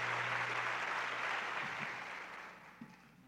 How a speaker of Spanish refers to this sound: Muchas gracias por sus aplausos para ellos. Yo siempre he dicho que el aplauso es el alimento del artista.